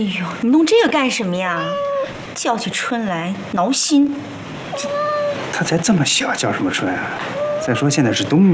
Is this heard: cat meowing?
yes